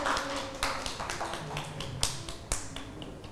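Children at school clap for a classmate in a loose, uneven patter, with sharp irregular smacks and a few louder claps standing out over a soft background hum. Nobody speaks.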